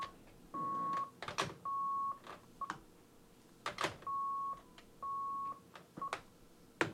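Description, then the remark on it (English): A buzzer beeps in short steady tones, roughly half a second each, repeating in pairs with brief clicks and knocks between them, moderately loud, with no talking. “Anyway, got a buzzer going off here, so”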